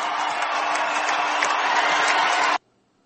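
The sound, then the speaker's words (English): A large arena crowd in Cleveland, many wearing Cavaliers jerseys, roars in a loud, sustained ovation as LeBron James is announced in the Los Angeles Lakers starting lineup, cheering and clapping blended into one dense wall of noise for about two and a half seconds before it cuts off abruptly. “And just listen to the ovation that LeBron James gets when his name is announced as a part of the Los Angeles Lakers starting lineup.”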